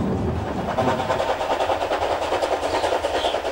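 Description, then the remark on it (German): A train rumbles past on the railway line between Bruchhausen-Vilsen and Asendorf in northern Germany, a steady loud roar with a rapid, regular clatter of wheels over the track and a faint high squeal near the end; no one speaks. “Egal, welcher Zug hier vorbeikommt, die schönste Fotostelle der Strecke liegt hinter dieser Kurve am Ende einer Steigung.”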